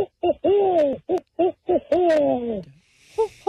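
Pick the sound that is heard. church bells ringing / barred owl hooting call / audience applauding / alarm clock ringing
barred owl hooting call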